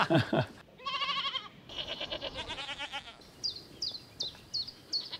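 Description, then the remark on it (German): Goats on a farm bleat in long, wavering calls that overlap one another, then a run of short, evenly spaced high chirps takes over toward the end. “So, und im Anschluss setze ich mich dann immer gerne hier hin und gucke denen einfach ein bisschen zu.”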